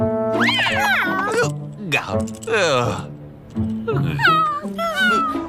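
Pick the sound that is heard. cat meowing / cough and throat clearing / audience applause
cat meowing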